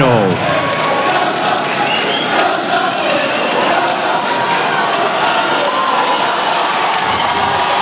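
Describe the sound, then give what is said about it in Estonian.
The Paris crowd at the Olympic pool roars and cheers without pause before the men's 200 m butterfly final with Léon Marchand in lane four, a loud, dense wall of shouting voices and whistles that holds steady throughout, with a rising tone briefly audible at the start. “Pariisi publik ei taha maha rahuneda, kohtunik peab kohe ohjad enda kätte võtma.”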